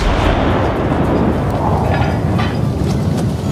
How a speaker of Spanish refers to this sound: Así que, cegado por la felicidad, encendió una mecha y disparó un cañonazo de celebración.